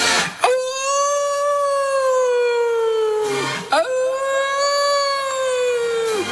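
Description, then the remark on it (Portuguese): A hungry wolf of the Esteiras howls in the dark, giving two long, loud howls in a row, each held steady for about three seconds before dipping at the end, with a brief pause between and no talking. “Os lobos famentos dos esteiras, raza asesina, a raza asesina dos lobos dos esteiras.”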